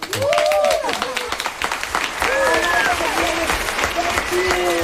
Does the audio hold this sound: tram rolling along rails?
no